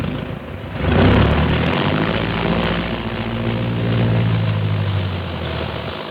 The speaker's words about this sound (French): Dans un fracas de tonnerre, les moteurs sont mis en marche.